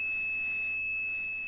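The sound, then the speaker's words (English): A steady, unbroken 2600 hertz telephone switching tone, which switching systems used to signal that a call had ended, a pure high-pitched whine holding at one pitch and level throughout, clear and alone with no voices. “And those systems used tones to tell one another what to do. And one of those tones, 2600 hertz, meant the call had ended.”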